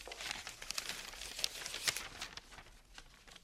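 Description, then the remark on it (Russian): A paper letter is unfolded, its dry crinkling and crackling rustles coming in quick irregular bursts with a few sharper crackles, then settling into quieter handling. “Весь секрет вот в этом письме.”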